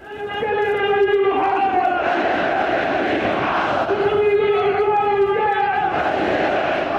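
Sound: rally crowd chanting slogans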